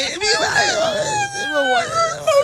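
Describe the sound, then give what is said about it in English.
A person makes high, wavering whimpering noises in imitation of a dog, several drawn-out whines rising and falling in pitch, fairly loud for a couple of seconds. “You're like my dog trying to get back in the house.”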